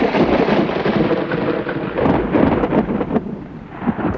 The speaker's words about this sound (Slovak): V jeden horiačí deň prišla z ničoho nič veľká búria.